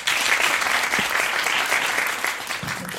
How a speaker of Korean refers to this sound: 그리고 세 분께 다시 한번 큰 박수 부탁드립니다.